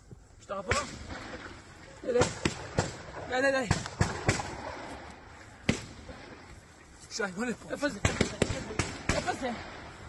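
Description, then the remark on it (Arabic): Sharp, loud gunshots crack out irregularly, some single and some in quick clusters, while agitated voices shout and talk between and over the bursts, during a shooting incident in the settlement of Nevetsov, filmed by a settler who is hiding. “إذن في مستوطنة نيفيتسوف يظهر أحد المستوطنين وهو يختبئ، ونسمع أصوات إطلاق النار.”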